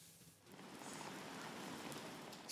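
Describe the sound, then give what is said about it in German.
Steady rain falls outdoors in Bremen's city centre as a continuous soft hiss, swelling slightly after a quieter opening and holding even throughout, with no voices present. “Janosz Keresti hat ihn deshalb ganz bewusst im Regen stehen lassen.”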